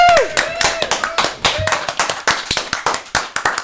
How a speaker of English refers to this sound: Let's have a big round of applause, please, for ….